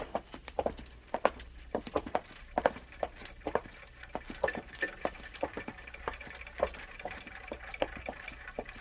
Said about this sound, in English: What's that? That noise? You mean the clocks, madam? There are more than 100 clocks in this room. I'm very fond of them.